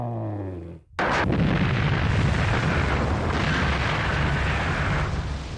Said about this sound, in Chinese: 它整个的爆破的这个作业面是大概有600多米宽，要一次要把刺头板削掉80多米，然后呢，总的把刺头板那个土石方移到公子湾里头有18万多立方。